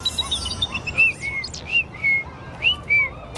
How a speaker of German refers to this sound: Das war kein Spatz, das war so ein kleiner Piepmatz mit ganz roter Brust. Ach, dann war das ein Rotkehlchen. Von denen hauen einige im Winter ab in den wärmeren Süden. Im März kommen sie zurück.